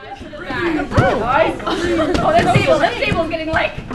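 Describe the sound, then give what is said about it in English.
A crowd of about 60 summer camp counselors in training in Missoula, Montana, seated and keeping a dozen balloons bouncing in the air: many overlapping voices chatter and call out in a steady, lively babble, with a few higher excited exclamations rising above the group throughout. “Like a public library pool party, a crowd of about 60 summer camp counselors in training work together to keep a dozen balloons bouncing through the air.”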